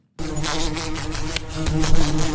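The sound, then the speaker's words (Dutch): A wasp buzzes loudly and steadily, a droning hum with a few brief surges as it knocks against a window or lamp. No voices. “Dit is het geluid dat we kennen van, ja, van de wesp die zo tegen het raam of tegen, ja, een lamp botst.”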